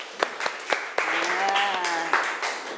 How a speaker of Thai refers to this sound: ขอเสียงปรบมือให้เพื่อนของเราหน่อยนะคะ